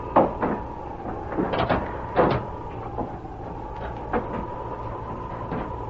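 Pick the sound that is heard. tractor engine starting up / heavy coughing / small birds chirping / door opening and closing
door opening and closing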